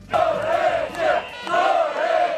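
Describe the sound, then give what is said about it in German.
A large crowd of thousands of protesters in the streets of Tirana, Albania's capital, chants in unison against a planned luxury construction project, a loud rhythmic two-part phrase repeated twice with a brief pause between, voices blending into a steady roar. “So klingt es seit Wochen jeden Tag in der albanischen Hauptstadt Tirana.”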